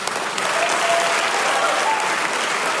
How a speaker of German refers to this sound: Komm, geh noch mal vor, verbeug dich noch mal. Das ist dein Applaus.